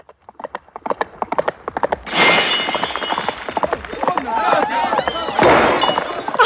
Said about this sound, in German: Alles kaputt und in tausend Scherben zerbrochen.